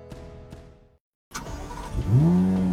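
A car engine turns over and roars to life, then revs up with a rising, strained pitch that climbs and holds loud. A short gap of silence comes first.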